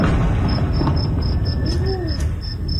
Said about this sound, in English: A explosion in northern Iran as the U.S. says it hit 90 targets overnight.